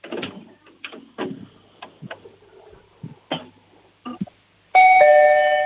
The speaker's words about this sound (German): Jetzt machen wir mal die Türklingel und dann kannst du mir gerne alles zeigen. Die Türklingel.